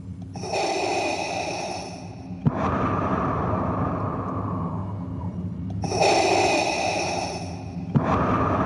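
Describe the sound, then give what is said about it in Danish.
A person imitates Darth Vader's heavy, rasping mechanical mask breathing: two slow, hissing inhale-and-exhale cycles, fairly loud, with no talking. “Og så kan jeg huske en ting som barn, at første gang, man stifter bekendtskab med Darth Vader, som jo har den her karakteristiske sorte maske på, og den der tunge vejrtrækning.”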